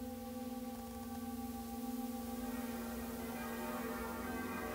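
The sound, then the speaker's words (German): A singing bowl rings with a steady, sustained hum and shimmering overtones, holding its tone evenly throughout with a faint pulsing waver, no voices present. “Vom Klang der Schalen zum Klang der Glocken.”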